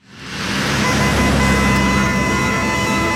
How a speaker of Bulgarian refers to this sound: Трафик.